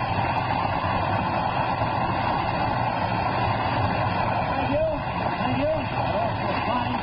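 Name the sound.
audience applause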